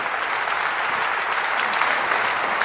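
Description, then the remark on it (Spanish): An audience claps steadily together as applause for the Lord, a dense, even wash of applause from many hands at a consistent loudness throughout. “Un aplauso para el Señor que nos ha dado este gran regalo de la bondad.”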